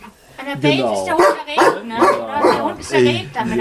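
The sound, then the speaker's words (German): A dog, Rex, barks and grumbles in a run of drawn-out, whining vocal outbursts, fairly loud, rising and falling in several bursts over a few seconds, while people stand in front of his room. “Er schimpft jetzt halt auch wieder, das ist hier sein Zimmer und wir stehen alle davor.”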